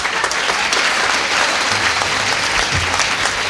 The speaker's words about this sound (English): Oh, man, we'll clap anyone. Which will be proved when I bring on the next person.